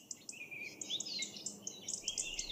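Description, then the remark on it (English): Several birds chirp and warble continuously, their quick high notes and rising trills overlapping in a busy chorus that sounds soft, with no voices. “I love birds, but often their cheerful chirping and warbling can be cut short by noise pollution.”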